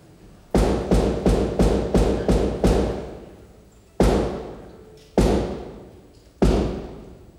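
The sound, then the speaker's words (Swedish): A rapid series of six resonant wooden thumps, then three slower, heavier knocks spaced about a second apart, echoing; ceremonial knocking at Drottningholm Palace Theatre signalling the start of a performance of The Coronation of Poppea. “Och de knackningarna betyder att spelet kan börja.”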